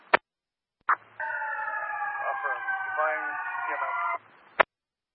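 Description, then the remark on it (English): An approaching fire truck's siren wails for about three seconds in steady, layered high tones, framed by sharp radio-style clicks before and after, with a faint low pulsing underneath. “I can hear you over the fire truck coming.”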